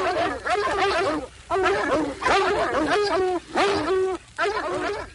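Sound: dogs barking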